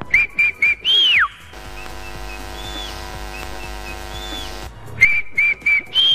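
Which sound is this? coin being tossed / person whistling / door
person whistling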